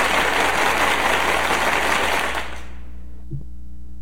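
A loud, dense applause sound effect from a large crowd, played to welcome a pastor on the program Cara a Cara, fills the first two seconds, then quickly fades out, leaving only a low steady hum and a faint brief knock near the end.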